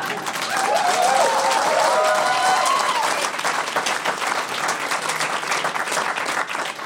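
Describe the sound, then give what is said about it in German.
A television studio audience applauds steadily for several seconds, a dense wash of many hands clapping, with a few cheers and whistles rising in the first half before the clapping carries on evenly. “Das Publikum im Studio applaudiert.”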